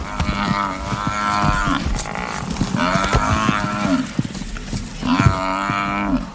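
An African buffalo bellows loudly as four lions attack it in flying dust and drag it down a riverbank, letting out three long, strained, moaning calls in succession over a rough, rumbling background, with no one speaking.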